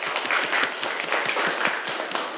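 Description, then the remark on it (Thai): A group of students in a classroom claps for a classmate after her answer, a sustained, steady burst of applause with many overlapping hand claps at moderate loudness for a couple of seconds. “ปรบมือให้กับเพื่อนด้วยครับนักเรียน”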